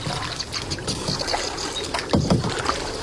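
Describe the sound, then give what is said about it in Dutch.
Canoe paddle strokes dipping and swishing through water in a marsh, a few irregular splashy strokes over a steady wash of water and light wind, with no one talking. “En op de momenten dat we geen gepeddel van jou horen, ben jij aan het luisteren en een vogel aan het invoeren.”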